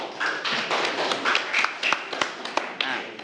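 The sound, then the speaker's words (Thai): A group of students in a physics class claps for a classmate's correct answer in a brief burst of applause, a dense patter of overlapping claps with sharper individual slaps standing out, lasting a few seconds with no talking. “ถูกต้องนะครับปรบมือให้เพื่อนด้วยนะครับนักเรียน”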